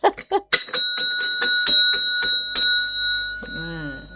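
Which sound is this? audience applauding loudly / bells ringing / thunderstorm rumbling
bells ringing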